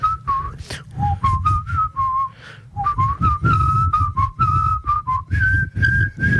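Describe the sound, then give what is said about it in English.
A single person whistles the first phrase of Bella Ciao, a clear, steady melody with notes stepping up and down and short pauses, while a group kneels silently with heads on the ground out of soldiers' sight; a low background rumble of ambient noise. “Someone whistled the first phrase to Bella Ciao while we were all meant to be quiet on the ground.”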